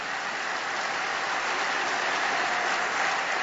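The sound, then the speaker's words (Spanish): An audience applauds, a dense, steady wash of clapping hands that holds at an even loudness for a few seconds, with no voices rising above it. “Sí, te aplaudimos, papá.”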